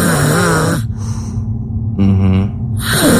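A woman snores loudly, harsh rasping breaths alternating with a nasal, rumbling snort, repeating in a slow rhythm with no talking.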